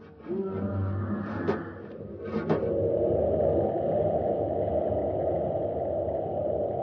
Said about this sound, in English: Close the hatch. Commander, it's right outside the door. It's clawing at the ship.